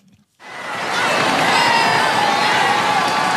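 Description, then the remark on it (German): After a brief pause, a large crowd of faithful and spectators on the Champs-Élysées in Paris erupts into sustained, dense cheering and shouting as Pope Leo XIV passes in the popemobile, loud and continuous, many voices blending into a roaring, euphoric wash of sound. “Begleitet von euphorisierten Rufen der Gläubigen und der Zuschauer kam Papst Leo XIV.”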